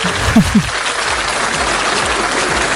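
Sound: applause sound effect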